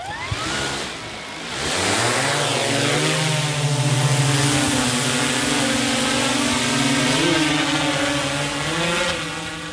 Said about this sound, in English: Disappears quite quickly, doesn't it? Within seconds, the drone disappears from our naked eye view.